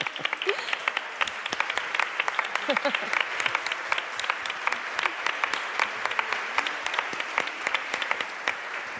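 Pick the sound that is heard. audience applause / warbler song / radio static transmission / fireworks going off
audience applause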